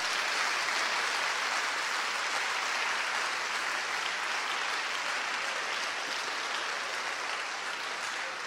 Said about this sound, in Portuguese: Então, vamos agradecer a Deus aí com um lindo aplauso.